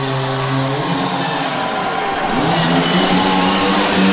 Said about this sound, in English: They are chainsawing some logs. They've got the chainsaw. They are chopping some wood here in Flagstaff today.